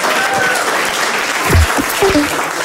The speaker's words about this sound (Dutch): Applaus voor Toby Alderweireld.